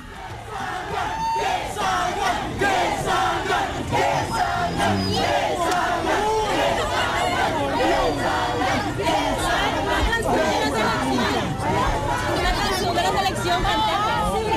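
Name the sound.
football fans shouting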